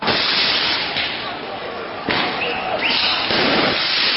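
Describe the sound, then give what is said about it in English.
A tear gas canister hurled by police towards demonstrators during a protest on the streets of Paris, France, bursts with a single sharp bang partway through. The bang cuts into a loud, continuous wash of outdoor crowd noise and hiss while demonstrators let off fireworks. “That's the sound of an exploding tear gas canister that was hurled by police towards demonstrators as they let off fireworks on the streets of Paris.”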